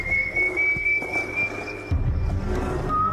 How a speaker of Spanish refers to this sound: Y sigue vagando por los valles, cargando los restos de su padre en una bolsa, asesinando hombres mujeriegos, siempre silbando su infernal melodía.